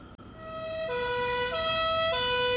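An ambulance siren wails loudly as the ambulance arrives at the entrance of a barracks, its two tones alternating in a steady hi-lo pattern over a low road rumble, with no voices.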